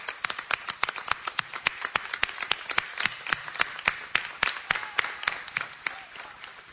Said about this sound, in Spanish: Fuerte el aplauso para nuestra madre.